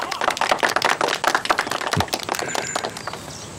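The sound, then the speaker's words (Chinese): A crowd breaks into steady, dense applause welcoming Mr. Tanaka Hideaki to share his experience, many hands clapping in a rapid crackling patter that stays lively for a few seconds before thinning out toward the end. “下面我们用热烈的掌声欢迎田中秀光先生，讲讲他的心得。”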